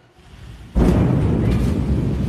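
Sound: rocket exploding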